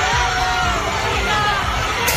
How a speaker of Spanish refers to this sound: Y ayer llegaban entre vítores y aplausos al aeropuerto asturiano los miembros de la selección de fútbol.